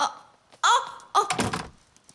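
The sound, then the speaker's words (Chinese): A door is pushed shut, a short creak followed by a solid thunk as it closes, with a faint rattle trailing off afterward. “孙女，你这值日官在那儿卖啥呆呀？关门。”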